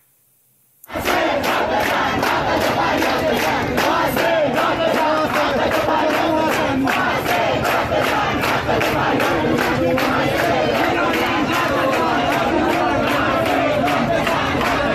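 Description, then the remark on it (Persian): A large crowd of students at a protest gathering in Isfahan or Mashhad, Iran, chants and shouts together in a loud, steady rhythm, the massed yelling continuous and dense from start to finish after a brief silent opening. “تصاویر ارسال به ایران اینترنشنال هم تجمع دانش آموزان در شهرهای اصفهان و مشهد رو نشون میده.”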